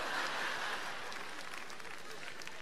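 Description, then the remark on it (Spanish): A crowd applauds steadily, a dense wash of many hands clapping at once, moderately loud, holding even for a few seconds before easing a little. “Claro, ustedes aplauden y me cagaron con 20 lucas, weón.”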